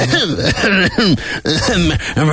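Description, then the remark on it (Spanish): A fit of loud coughing: several rough, throaty bursts in quick succession, each with a strained, voiced rasp, like someone struggling to clear their throat. “¿No tendréis una pastilla del doctor Andreu para la tos?”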